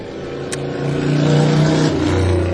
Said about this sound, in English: We have the doors and windows open here, and even though we're up on the 13th floor, we're still going to get a lot of noise from the street below, but...